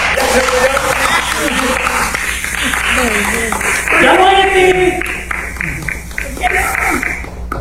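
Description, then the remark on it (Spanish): An audience claps steadily for several seconds, a dense patter of many hands, with voices calling out and a few chuckles rising over the applause. “Ya se murió, aplausos.”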